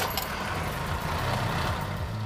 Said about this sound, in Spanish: Mercedes-Benz también fabricaba aquí motores. Los materiales se obtenían, moldeaban y fundían aquí en Sudáfrica, en East London. Giras la llave y arranca. Escucha este sonido.